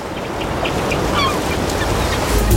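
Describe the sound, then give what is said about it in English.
A seagull squawks in a few harsh, brief cries over a steady, loud wash of outdoor noise, with no talking. “Anyway, that seagull just got my chip scooped.”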